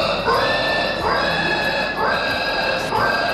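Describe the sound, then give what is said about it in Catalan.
A contestant at the French pig-squealing championship, a yearly festival in Trie-sur-Baïse, imitates a pig's squeal with loud, shrill, strained shrieks, four rough bursts in steady succession with barely a pause between them. “Això són persones, majoritàriament senyors ja granadets, que es disfressen de porc amb nas, orelles, cua i el que calgui, i competeixen per veure qui fa el millor crit de porc.”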